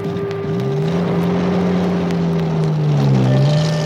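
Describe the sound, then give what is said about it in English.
The engine of an Indian Army officer's Jeep, driven by a soldier, drones steadily and loudly throughout, its low hum rising and dipping slightly in pitch as it drives along, with a faint wind-like rush in the background. “Since he was an officer, he had a special car called a Jeep and a soldier to drive it for him.”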